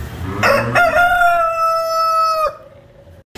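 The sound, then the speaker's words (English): A rooster crows once in a loud, drawn-out cock-a-doodle-doo, rising then holding a bright harmonic tone for nearly two seconds before cutting off, with faint murmur underneath and no talking, in the barn at the 164th Agricultural Fair in West Isbury. “And as you can tell, as you likely can tell, we are in the barn now.”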